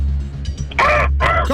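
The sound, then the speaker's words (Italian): During a quiz game, a contestant voices two loud, harsh, drawn-out caws in imitation of a crow to win the right to answer first, separated by a short gap, over a low steady hum. “per imparare a fare il corvo così bene”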